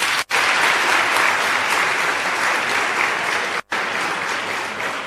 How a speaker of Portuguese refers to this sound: Muito obrigada. Então, uma salva de palmas a todos vocês.